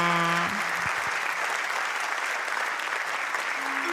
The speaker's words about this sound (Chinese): 谢谢， 感谢大家，掌声鼓励。